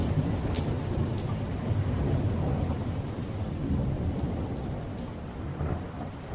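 Heavy rain pours down steadily onto a ship's deck, a dense hissing wash with scattered sharper drop hits, while deep thunder rumbles low underneath throughout. No voices are heard.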